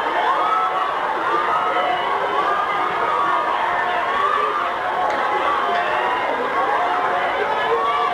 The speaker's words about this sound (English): Right now, there are thousands of people who are coming in front of the barricade that's been set up by the United Nations in front of the National Penitentiary to keep the crowd back. Obviously, crowds are coming forward, surging forward